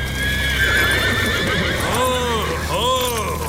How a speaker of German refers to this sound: Die Gäule sind ja vollkommen außer sich. Ja, seltsam, so kenne ich sie gar nicht. Beruhigt euch! Ganz ruhig. Ruhig.